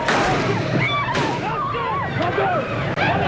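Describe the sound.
Several sharp gunshot cracks ring out over a dense, agitated crowd of shouting and crying voices in St. Peter's Square, Vatican, during the assassination attempt on Pope John Paul II on 13 May, all captured in a loud, hissy old recording.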